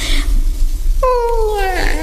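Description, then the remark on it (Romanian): A single drawn-out cat meow begins midway, sliding slowly downward in pitch, loud over a low rumbling background, with no talking; a cat meowing at rats in a dark pit. “Îndată o să dea ochii drăgărașii de ei cu signora pisica.”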